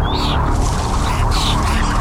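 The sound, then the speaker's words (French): Two short, high bird chirps ring out about a second apart, riding over a loud, dense wash of low rumbling background noise, with no talking. “J'ai fait un rêve dans lequel je me souviens qu'il y a des oiseaux.”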